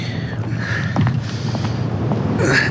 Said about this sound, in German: So, vielleicht stellen wir noch Ihren Koffer vor die Tür.